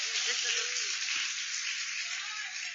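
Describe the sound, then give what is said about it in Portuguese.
A church audience claps for Jesus while welcoming a pastor, in a dense, steady wash of applause that holds at an even, fairly loud level for the whole stretch, with no distinct individual claps standing out. “Então vamos receber o servo de Deus com palmas para Jesus.”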